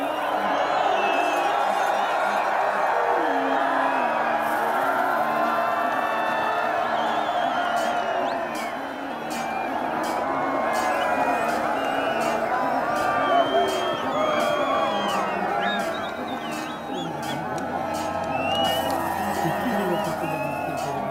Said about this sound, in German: Wenn sich die ersten Reiter dem Ziel nähern, dann gibt es bei den Zuschauern kein Halten mehr.